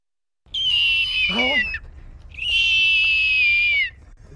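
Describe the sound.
A person from Falmouth imitates a hawk's cry with two loud, drawn-out, high-pitched screeches, each slightly falling at the end, separated by a short pause.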